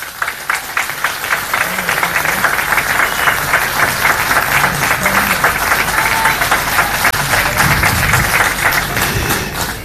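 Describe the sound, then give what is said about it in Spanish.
Sustained audience applause as the mayor, Johnny Viraino, is invited onto the stage: a dense, steady wash of many hands clapping at an even, loud level, with faint crowd murmur underneath. “Un aplauso e invito a este escenario al alcalde Johnny Viraino.”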